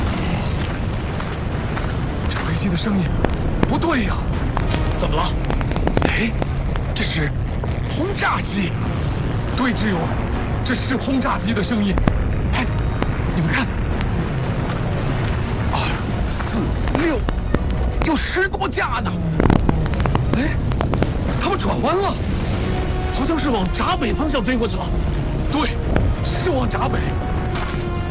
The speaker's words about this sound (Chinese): 飞机的声音不对呀，怎么了？ 哎，这是轰炸机。对，志勇，这是轰炸机的声音。哎，你们看，2、4、6，有10多架呢。哎，他们转弯了，好像是往闸北方向飞过去了。